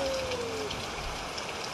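Steady rain falls in a continuous, even hiss with soft pattering drops throughout, constant, with no voices, just a faint brief tone near the start.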